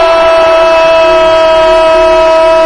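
A basketball game buzzer horn blares loudly and steadily, one sustained harsh tone held for about three seconds with a faint crowd murmur beneath it, sounding as Dominic Mabra hits a three-pointer on the buzzer.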